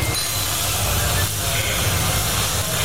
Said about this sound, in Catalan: Aquest és el so que se sent quan es desmunta un tren de Rodalies. Se li treuen les portes i els seients, es reparen els diferents elements que formen els vagons i es torna a col·locar tot en el seu lloc.